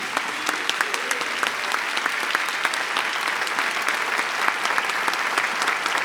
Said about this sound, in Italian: E se è stata una serata piacevole, chiedo gentilmente a questo meraviglioso pubblico di fare a questi ragazzi un grande, grandissimo applauso.